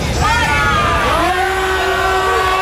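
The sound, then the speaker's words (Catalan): A crowd of protesters outside the Junts per Catalunya headquarters in Catalonia shouts and chants loudly against the party over two housing decrees, voices rising into sustained, pitched yells over a constant rumble of noise that fills the whole clip. “Els crits de fora a fora dels manifestants en contra de Junts per Catalunya, a qui culpabilitzen d'haver fet caure aquests dos decrets d'habitatge.”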